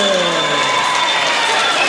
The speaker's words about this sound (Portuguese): Bora aplaudir!